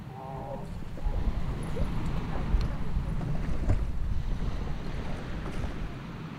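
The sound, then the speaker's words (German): A boat's engine drones steadily beneath gusty wind buffeting the microphone, with water rushing past, as the boat carries a worker home after the workday; the noise stays loud and continuous throughout, with no one speaking. “Nach Feierabend geht es mit dem Boot zurück nach Hause.”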